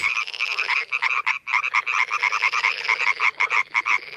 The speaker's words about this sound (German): Beim Quaken und Zirpen von Fröschen handelt es sich meistens um Paarungsrufe. Sie kommen von den männlichen Tieren und die erzeugen die Töne im Kehlkopf und nutzen den Mund als Resonanzraum zur Verstärkung. Und so hört sich das dann an.